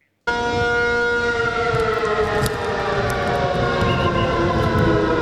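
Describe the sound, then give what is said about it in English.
An air raid siren blares across Taiwan's capital during the annual Hung Kwang exercise drill, in a loud, sustained, steady tone that begins abruptly and holds throughout, carried over a low rumbling background of open city space. “Air raid sirens sounded across Taiwan's capital today as the island steps up preparations for a potential attack.”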